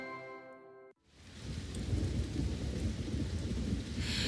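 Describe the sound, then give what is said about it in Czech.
A brief sustained musical tone cuts off, and then steady, heavy rain falling outside takes over, a dense hiss with low rumbling underneath that continues to the end. No one speaks. “Venku pršelo a doma moju nic nebavilo.”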